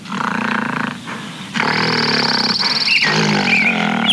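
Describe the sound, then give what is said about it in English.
A large, hairy ape-like beast roars loudly, a rough, bellowing cry that pauses briefly and then resumes in a longer, strained growl with no voices present. “That smelly ape is right in front of you.”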